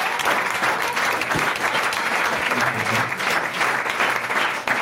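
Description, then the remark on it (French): An audience applauds a guest's correct last answer, clapping steadily for about five seconds, a dense, even wash of many hands at constant loudness with no voices rising above it. “Déjà, on peut l'applaudir, sa dernière réponse.”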